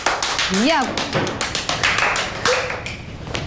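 A steady run of sharp hand claps, fairly loud and evenly paced, with a brief vocal sound rising over them near the start and again later.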